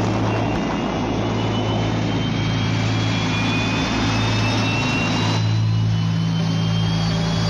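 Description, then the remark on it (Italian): A military jet, call sign Aquila 12, roars through its takeoff from ramp 3, a loud continuous engine blast with deep rumble and a rising high whine holding steady throughout, no voices over it. “Aquila 12, decollo.”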